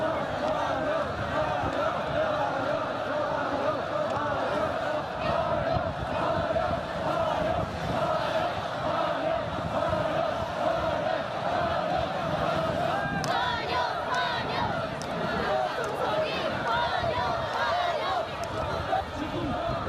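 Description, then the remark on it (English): A large crowd of well-wishers dressed in traditional costumes, lining the route of President Xi Jinping's motorcade to Mulan Hall, roars and chatters continuously, a dense wash of many voices cheering and calling out without pause, with occasional sharper shouts rising above the steady din. “Crowds of well-wishers dressed in traditional costumes lined the route.”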